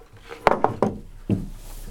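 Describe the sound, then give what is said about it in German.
A wooden chair is set down on top of a table that has been moved to the middle, with a quick series of hollow clunks and knocks, followed by a heavier thud and one more bump, with no talking. “Hier, und den Stuhl da drauf stellen.”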